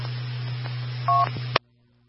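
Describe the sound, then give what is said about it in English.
A single brief touch-tone keypad beep from a Touchtone telephone with no phone service, over a steady low electrical hum and line hiss, cut off by a sharp click into near silence. “And I do have a Touchtone phone.”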